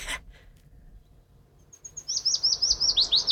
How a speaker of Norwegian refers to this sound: Den liksom grå og brun, veldig vanskelig å få øye på, og så gjemmer den seg inn i løvet. Så det litt sånn frustrerende for oss fugleelskere. Løvsanger.